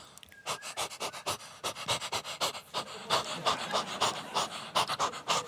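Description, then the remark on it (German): A person imitates their female dog panting, showing how she reacted when whistled for, with rapid, rhythmic breathy huffs repeating steadily for several seconds, fairly loud, with no other talking. “Und meine Hündin immer so.”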